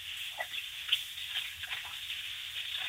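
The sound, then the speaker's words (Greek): A bathroom tap runs steadily, a continuous hissing rush of water with small splashy fluctuations, moderately loud, with no voices present. “Εσείς που ανοίξατε νεροχή την μπάνιο, τι ήτανε, δεν ξέρω.”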